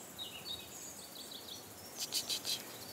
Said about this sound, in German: Hörst du die Vögel?